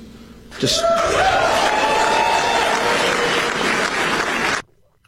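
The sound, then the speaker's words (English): A loud burst of crowd cheering and applause follows Todd Blanche's announcement of an indictment charging Raul Castro. It erupts suddenly, a dense wall of clapping and shouts that holds steady for about four seconds before cutting off abruptly. “Just to be clear, they were not the ones that were cheering.”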